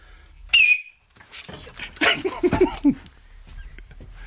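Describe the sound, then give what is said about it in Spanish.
A single sharp, piercing human whistle blasts out loud, lasting only a moment with a slight downward slide, followed after a pause by a burst of voices. “Es de ultrasonido casi, ¿eh? Sí, está el pitidito, ¿eh?”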